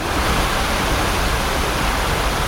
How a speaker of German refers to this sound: Erste Station, der kleine Teich. Mit einer stattlichen 10-Meter-Fontäne in der Mitte.